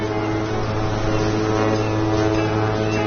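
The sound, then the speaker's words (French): A ship's engine drones steadily as the ship, helped by a tugboat, takes a few minutes to leave the port of Le Havre. A low, even rumble with strong harmonic hum lines holds constant throughout, loud and continuous with no voices. “il met quelques minutes à sortir du port. C'est toute la ville du Havre qui défile sous nos yeux.”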